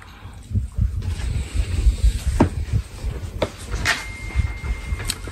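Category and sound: household object, door opening or closing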